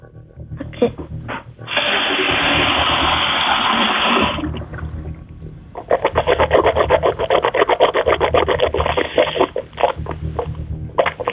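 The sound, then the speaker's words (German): Someone gargles with water in their mouth in a kitchen: a steady rushing gurgle, then a longer bout of rapid, rattling bubbling pulses, fairly loud and heard on its own without talk. “Und das beweist du uns einmal bitte, indem du in die Küche gehst und einmal so mit Wasser im Mund gurgelst.”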